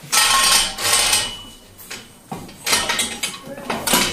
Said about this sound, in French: On a donc un système qui nous permet de descendre une colonne. Attention à toi. On va avoir une colonne qui descend.